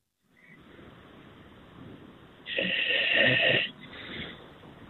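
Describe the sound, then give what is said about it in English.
Snoring of a radio call-in caller from Montreal who has fallen asleep, heard over a telephone line, with a low, hissy breathing sound rising into one loud, rasping snore before easing off. The sound is thin and band-limited, with no talking. “I want to hear … snore.”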